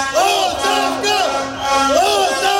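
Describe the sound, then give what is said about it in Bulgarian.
A protest crowd marching through the city centre chants the slogan 'resignation' over and over, many voices rising and falling together in a loud, steady rhythm. “Протестът премина в шествие по центъра на града с викове оставка.”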